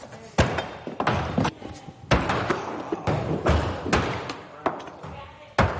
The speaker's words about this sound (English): Oh! We have 100% stick rate. Everyone will stick their axe before they walk out that door. Step and release. There you go.